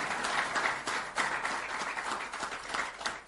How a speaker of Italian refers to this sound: Grazie, facciamo sentire l'applauso al segretario Vogliani.